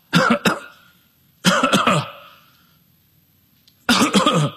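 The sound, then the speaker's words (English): Three harsh bursts of hacking coughing, each a quick double or triple spasm, separated by short silent pauses; fairly loud, with no talking. “The word is used of a hacking cough.”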